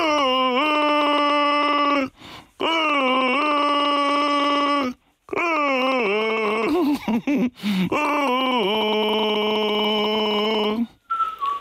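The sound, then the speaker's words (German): Someone gargles Baltic Sea water while humming a tune on NDR 1 Radio MV, producing sustained warbling tones in four phrases separated by short pauses, with bubbly, wavering pitch that turns choppy in the third phrase. “Das NDR1 Radio MV Ostseewasser gurgeln.”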